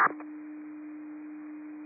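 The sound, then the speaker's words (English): A radio dispatch paging alert: after a brief click of static, a single steady, mid-low pitched tone holds unbroken for almost two seconds over a faint hiss. No voices. “Cascade Mat 7, receive tones.”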